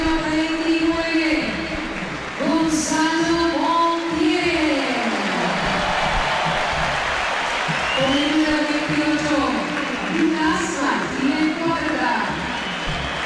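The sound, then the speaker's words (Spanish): A large stadium crowd claps and cheers for Beltrán as the starting line-up is announced, in a steady, dense wash of noise, while a loud amplified announcer's voice calls out over it in drawn-out bursts. “Aplausos para Beltrán.”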